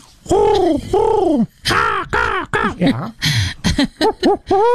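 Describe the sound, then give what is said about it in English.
A voice imitates bird calls: two long, hooting owl-like coos, then a quick run of shorter whoops and chirpy calls, loud and clear with no other sounds. “I don't know if you hear all those birds at the same time. Well, the owl you would hear in the evening.”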